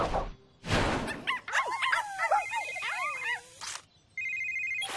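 A phone rings with a steady, high electronic ringtone near the end, a call from the mayor, after a couple of loud whooshing bursts and a run of squeaky, yelping chirps. No one speaks.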